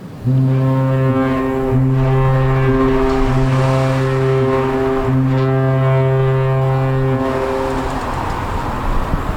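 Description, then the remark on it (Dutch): A ship's horn sounds loud in four deep, sustained blasts, the last one longest, over a steady harbour rumble of engines and cars driving to and from the ferry at the Willem-Barendskade quay on Terschelling. No one speaks. “Auto's rijden af en aan op de Willem-Barendskade op Terschelling, op weg naar de veerpont om weer van het eiland te gaan.”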